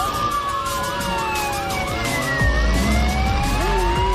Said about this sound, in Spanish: Pasa una móvil de tránsito.